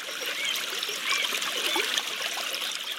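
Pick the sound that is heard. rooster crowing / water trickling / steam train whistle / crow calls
water trickling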